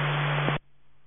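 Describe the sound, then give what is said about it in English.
A loud burst of radio static on a county dispatch channel, a harsh hiss with a steady low hum, cutting off abruptly after about half a second to faint background noise. “County 702, I don't know if you're responding to me. It's nothing but static”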